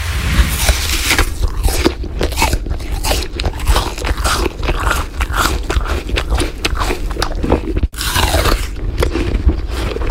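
Loud, crisp crunching of someone biting into and chewing an apple, with rapid irregular chomps running steadily throughout and a brief break near the end before the chewing resumes.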